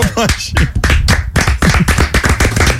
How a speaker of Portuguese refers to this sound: Muito bom, a salva de palmas.